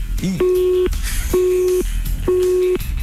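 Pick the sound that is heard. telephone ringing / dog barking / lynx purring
telephone ringing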